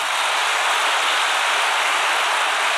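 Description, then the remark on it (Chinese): An audience claps steadily throughout, a dense, even wash of many hands with no pauses and no voices on top, holding at a fairly loud level. “我们要再次给他掌声。”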